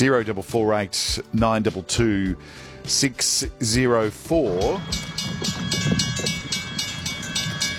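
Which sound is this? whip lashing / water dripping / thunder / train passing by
train passing by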